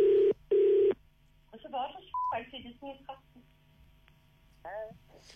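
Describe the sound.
Two loud, steady touch-tone beeps from a phone being dialed, about half a second each, followed by muffled voices talking over a faint electrical hum.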